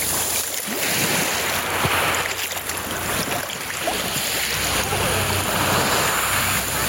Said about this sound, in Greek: Αυτόν τον ήχο της θάλασσας, παιδιά. Η γαλήνη. Μια θάλασσα πεντακάθαρη. Λάδι σήμερα, σχεδόν λάδι τέλος πάντων, γιαούρτι όπως θέλετε πείτε το.